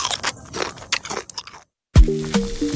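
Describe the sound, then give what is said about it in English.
Loud crunching and crackling of teeth biting into a crunchy Nabisco biscuit runs for about a second and a half, then a short silence before a sharp thud and ringing tones take over. “crunchy Nabisco coaster.”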